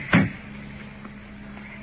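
A single sharp clunk of a car door latch being opened, followed by near silence with a faint low hum in the background.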